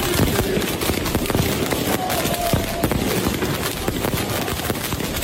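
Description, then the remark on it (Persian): Fireworks and firecrackers going off at about 2:30 at night outside the Barcelona team's hotel, in a dense, continuous barrage of sharp bangs and crackles, loud and unbroken for several seconds, with a busy outdoor noise bed underneath. “آتش بازی را انداختن و ترقه بازی را انداختن که بارسلونایی ها نتونن بخوابن.”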